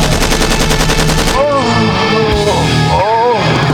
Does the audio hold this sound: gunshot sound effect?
yes